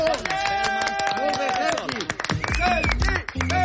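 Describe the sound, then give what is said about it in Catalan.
A studio audience breaks into loud, dense clapping that runs the whole time, nearly drowning out a Catalunya Ràdio promo jingle for 'La cançó del dia', with music and a voice underneath. “Però aplaudim abans. Aplaudim ara.”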